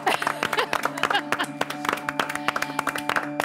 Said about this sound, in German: Also da würde ich mal sagen, ist ein Applaus wert, oder?